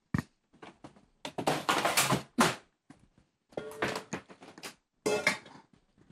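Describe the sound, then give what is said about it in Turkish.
Two metal cooking pots are shifted and knocked together in several bursts of clanking and scraping, with short pauses between the clusters of bangs and rattles. “İki tencere.”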